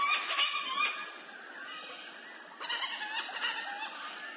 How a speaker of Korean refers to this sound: 흰 유황앵무는 언제나 시끌벅적합니다. 호주의 가장 특징적인 새라고 할 수 있죠. 이들은 종종 수백 마리씩 떼를 지어 다니며 간식으로 먹을 씨앗을 찾아 숲을 탐색합니다. 가끔은 몇몇이 나뭇가지에서 망을 보고 나머지는 나무 아래 풀밭을 점령하기도 하죠.